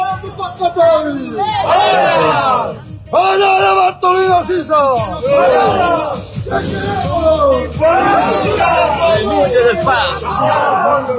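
A large crowd chants loudly and in unison the slogan 'renuncia', demanding the resignation of the government of Paz Pereira, repeating it in rhythmic bursts with brief pauses between phrases, continuous throughout.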